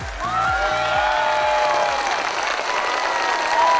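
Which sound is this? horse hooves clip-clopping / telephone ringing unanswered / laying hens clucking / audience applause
audience applause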